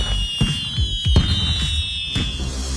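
Several sharp fireworks bursts crack and pop at irregular intervals, with a thin, high whistling tone running steadily underneath. No one is talking.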